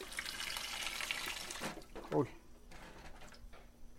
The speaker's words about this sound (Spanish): Ahora le vamos a tirar el agua a nuestras pacayas para que se nos haga más fácil la limpiadita de la cáscara.